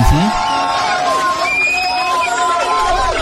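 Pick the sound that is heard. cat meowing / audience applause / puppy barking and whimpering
audience applause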